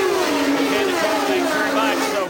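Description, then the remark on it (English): Race car engines roar steadily on a noisy pit lane during a race nearing the halfway point, 97 laps complete, a loud continuous drone with whining tones that slide up and down in pitch, never letting up. “So … down there on what is a very noisy pit lane, and we are approaching the halfway point.”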